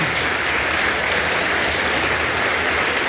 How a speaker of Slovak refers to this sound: Cenu za rozprávku v prvej kategórii získavajú Príbehy Kveťa Herbára. Veľký potlesk.